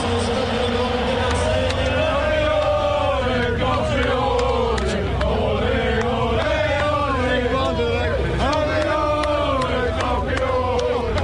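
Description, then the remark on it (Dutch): A huge orange-clad crowd in the Stade Vélodrome in Marseille roars and chants in celebration after the final whistle as the players pile onto Dennis Bergkamp, with sustained loud cheering, rising and falling sung chants, and scattered whistles throughout. “En zo klinkt het in Stade Velodrome in Marseille na het laatste fluitsignaal.”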